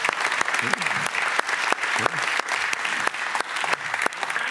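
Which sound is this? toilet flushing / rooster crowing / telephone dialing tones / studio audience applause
studio audience applause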